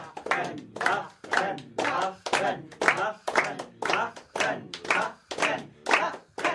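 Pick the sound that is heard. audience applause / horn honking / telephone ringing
audience applause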